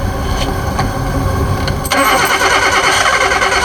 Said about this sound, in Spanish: ¿Qué kilometraje tiene? 161,000. ¿Puede encender el auto?